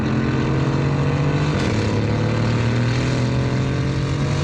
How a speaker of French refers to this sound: Et le troisième, c'est le mode track. Là, c'est très énervé. Oh, oh, oh. Là, on entend bien le V8 biturbo rugir.